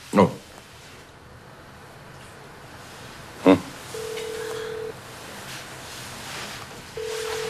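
A call to a mobile phone is placed from the police station director's phone: two sharp clicks, then the steady electronic ringback tone sounds in long one-second pulses with a pause between them, over faint room noise.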